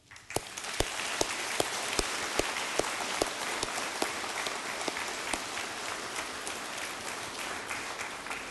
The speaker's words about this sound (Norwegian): vi klapper jo ikke, men jeg hodler at vi får klappe for Kristus i det.